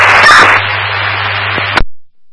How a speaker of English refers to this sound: Here's all static.